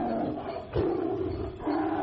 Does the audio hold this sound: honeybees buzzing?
no